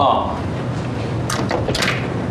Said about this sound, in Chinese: 对，关门关门。哦。关门。 完了，锁上呗。 锁上。哎，锁上就计时了。